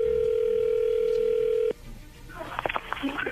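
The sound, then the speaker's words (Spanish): A steady, mid-pitched ringing tone of an outgoing telephone call holds for under two seconds, then cuts off abruptly; after a short pause, a voice begins talking on the line. “Ok, le voy a llamar el lobo, por favor, no haga ruido, ya entró ahí la llamada.”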